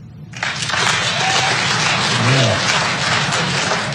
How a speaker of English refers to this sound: Clap your hands here. Clap your hands if you own a gun.